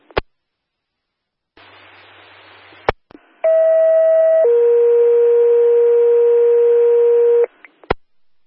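Franklin County Dispatch weekly radio and siren check, test signal Bangor: dispatch radio clicks and a short burst of static hiss, then a loud, steady siren test tone, a higher pitch for a second, stepping down to a lower held pitch, ending in a click.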